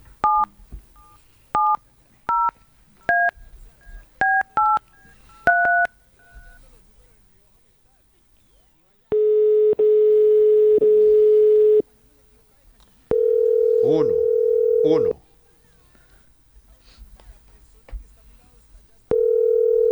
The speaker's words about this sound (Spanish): Vamos a marcar otro teléfono que va para el Mundial.